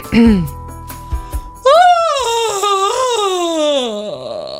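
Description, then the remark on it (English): A voice imitates a loud, drawn-out yawn like one a woman made in an airport: a long, wavering vocal sound about three seconds long that rises and then slowly sinks in pitch, preceded by a brief short vocal noise. “That's a yawn. A loud yawn.”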